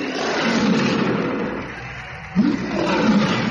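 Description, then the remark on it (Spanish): A deep, rumbling tiger growl, loud, rolling on continuously with a brief swell near the end and no talking, as the tiger's cage is opened in a circus ring. “abrió la jaula del tigre. El animal gruñó horriblemente.”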